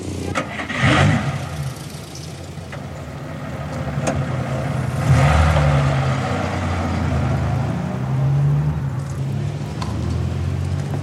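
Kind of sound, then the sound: vehicle, car engine idling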